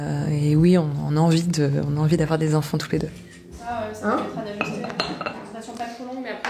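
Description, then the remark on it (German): Dishes and cutlery clink repeatedly in the small kitchen of a doctor's practice at lunchtime, sharp little knocks scattered through the whole stretch while the staff talk continuously over them. “Die Mitarbeiterinnen treffen sich in der kleinen Küche.”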